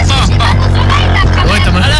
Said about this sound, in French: écoutez ce qu'elle subit. Ça va être comme ça tout le long. Voilà, fan de tuning, la musique à fond.